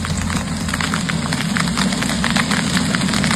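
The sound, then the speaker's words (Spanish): Golf-ball-sized hail falls on Casas Bajas, in the province of Valencia, during an afternoon hailstorm. A dense, irregular clatter of sharp impacts, steady and loud, over a constant low rumble, with no voices. “Es el sonido del granizo del tamaño de pelotas de golf que ayer por la tarde cayó en Casas Bajas.”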